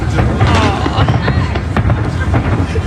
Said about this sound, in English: It's beautiful. Watching fireworks. You do this every year? Yeah, every year. Happy 4th of July.